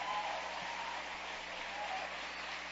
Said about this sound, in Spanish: Y démosle un aplauso a Dios por eso.